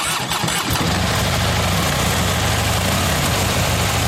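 Harley motorcycle engines idle at the Harley Days biker meeting on the Großmarkt grounds in Hammerbrook, with a deep, steady low rumble that starts with a brief rough burst, then settles into a continuous loud throb with no voices.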